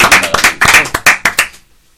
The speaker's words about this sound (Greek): Κάτσε το χειροκρότημα, δεν το είχε έτοιμο πρώτη φορά για πάνω του. Να χειροκροτήσουμε εμείς. Εμείς.